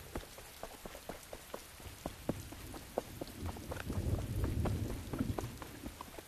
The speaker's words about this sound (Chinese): 公元前十五世纪的仲夏，中原大地骤逢雷雨，象帝内黄的商王宫被笼罩在滂沱大雨之中，蝉鸣被风雨彻底淹没，唯有宫道上急促的脚步声伴着风雨声愈发清晰。